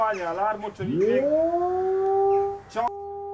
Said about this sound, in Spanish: Esta preocupación ya tiene un sonido clave y son en sí las alarmas de ataque.